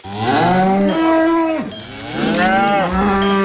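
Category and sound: animal, cows mooing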